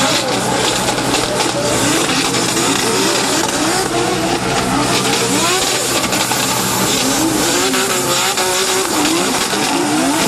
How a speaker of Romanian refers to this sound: Vizitatorii au putut urmări și demonstrații de drift. Printre piloții care au făcut spectacol pe pistă s-au numărat și campioni în vârstă de doar 13 ani.